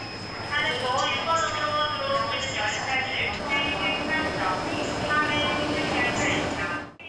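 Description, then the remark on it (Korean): Busy ambience at Iksan Station, where Honam Line trains from Gwangju and Jeolla Line trains from Yeosu meet bound for Yongsan, Seoul, on the last day of the Chuseok holiday: a steady rumble of trains with a thin high-pitched whine, a continuous mix of machinery and crowd murmur, with indistinct voices in the background throughout. “광주에서 오는 호남선과 여수에서 오는 전라선 열차가 만나 용산 서울로 향하는 익산역.”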